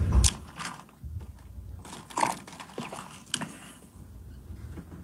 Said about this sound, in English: when he was getting asked the question, he took a sip of water, which gave him extra chance to think before he wanted to answer the question.